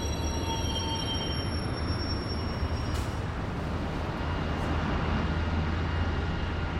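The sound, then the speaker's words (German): A long-distance train rolls steadily into a station in Berlin, a heavy continuous rumble of wheels on track with thin high squealing tones over it, loud throughout, with no voices. “Hier enden die meisten Fernzüge aus europäischen Hauptstädten, so aus Rom, Stockholm, London oder Warschau.”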